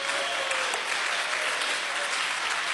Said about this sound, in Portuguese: pode bater mais forte as palmas para Jesus.